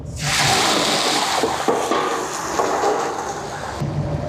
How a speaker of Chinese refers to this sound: 将油温烧热，烧至80%，将焯水好的狼牙土豆倒入锅内。